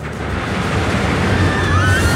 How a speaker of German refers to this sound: Das ist die neue Wasserachterbahn Donnerwind im Freizeitpark Plon.